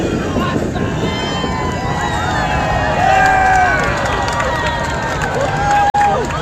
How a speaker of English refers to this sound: A large crowd gathered around the old Missouri Pacific Depot at 3rd Street and Lee Summit, where the train whistled past excited onlookers.